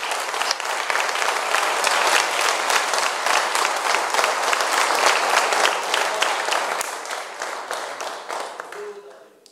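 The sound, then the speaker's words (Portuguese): An audience applauds for Jesus together, a dense, steady burst of many hands clapping that holds strong for several seconds before gradually thinning and tapering off at the end. “Vamos dizer graças a Deus por esses parágrafos e palmas para Jesus.”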